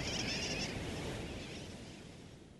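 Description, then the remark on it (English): A dense, continuous din of sooty tern calls, like a crowded colony, loud at first with a brief higher-pitched cry standing out, then gradually fading a little. “Some say sooty terns derive their nickname wide awake from the kerwacky-whack or wacky-whack of their calls.”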